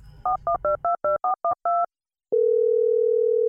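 A phone call being placed to a bank: eight quick touch-tone beeps in a brisk run, a short pause, then a steady, unbroken telephone tone that holds to the end. Clear, with no voices.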